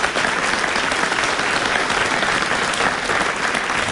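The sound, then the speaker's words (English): A large audience at a multi-party leaders debate claps steadily for the party leaders, a dense, continuous wash of applause that holds at full strength throughout without pausing or fading, with no voices rising above it. “All right, let's give a very warm round of applause to our leaders for coming this evening.”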